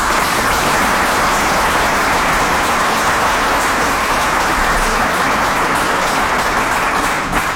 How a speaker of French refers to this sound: Ainsi, permettez-moi de saluer ici, devant vous tous, le courage dont vous avez fait preuve dans la recherche de solutions toujours pragmatiques et concrètes pour garantir un service public efficace et adapté, et je pense qu'on peut vous applaudir.